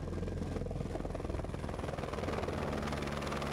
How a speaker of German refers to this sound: Was früher mühselig zu Fuß oder mit Lasteseln transportiert werden musste, erledigt heute der Helikopter. Doch der ist teuer.